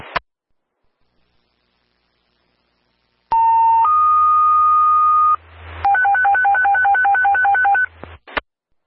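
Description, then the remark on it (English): Loud Seymour Ambulance dispatch alert tones, the second tone for a second call in town, a lift assist: a steady tone steps up to a second longer one, then a fast warble alternating between two pitches, with no one speaking, ending in a short click. “Your second tone for your second call in town.”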